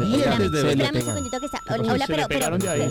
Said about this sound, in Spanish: Pero suéltelo un poquito. Suéltenle ese timbre, hombre. Se le pega. Me lo van a quemar un día de esto sola, no friegue.